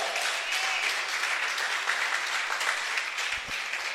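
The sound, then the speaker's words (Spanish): A crowd at a sermon claps for Christ, a dense, continuous wash of applause that holds at an even level for several seconds with no voices over it. “¿Cree que se merece un aplauso Cristo por eso?”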